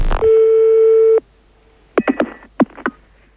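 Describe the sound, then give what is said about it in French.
A loud, steady telephone busy tone sounds for about a second after hanging up and cuts off, followed by a handful of sharp plastic clicks and clunks as the handset is put down on its base. No one speaks. “Non, on raccroche. Essayez en posant le téléphone sur le combiné pour voir.”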